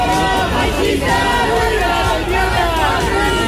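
A crowd shouting and jeering during what was meant to be a minute of silence remembering a young woman who was stabbed to death; many overlapping raised voices form a loud, continuous roar that holds steady for the whole stretch without any pause.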